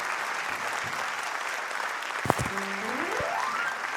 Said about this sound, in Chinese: 谢谢， 感谢感谢大家默默的掌声